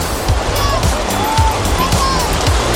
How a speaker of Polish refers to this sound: Żar leje się z nieba, ochłody najlepiej poszukać w basenie. My sprawdziliśmy dla Was kąpielisko Fala w Tauron Parku Śląskim.